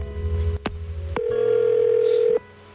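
A telephone rings with a steady electronic tone lasting over a second, after a low hum and a sharp click. It's clear, with no voices.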